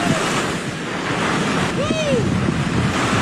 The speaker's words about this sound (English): Let's talk a little bit about what was going on with the Hurricane Lowell. Newscaster is going viral, Mike Seidel. He got hit by the water just before going on the air. Ooh. He was getting close when he got smashed by a huge wave.